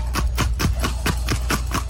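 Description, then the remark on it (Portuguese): Horse hooves clip-clop in a quick, steady rhythm in Bahia, about eight distinct strikes over two seconds, fairly loud over a constant low rumble of background noise. “O vídeo vai mostrar a você se o cavalo não é ou não é bom de pisada.”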